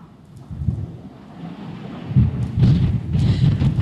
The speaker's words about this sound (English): you can see just how hard that wind is blowing.